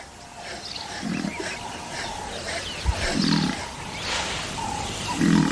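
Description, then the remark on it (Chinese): A lone lion growls three times, each a deep, rumbling burst spaced about two seconds apart, rising over a steady backdrop of outdoor noise, as a sturdy African buffalo charges down the riverbank and drives it away. “一头壮硕的非洲水牛冒险冲下河岸，赶走了这只单打独斗的狮子。”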